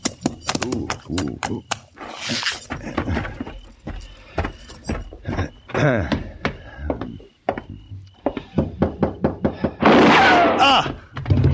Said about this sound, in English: It was a gunshot, Aunt Lola. I know it was.